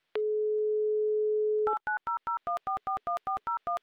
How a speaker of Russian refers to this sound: Набрал номер телефона Игоря, звоним в Москву. Как только пойдут гудки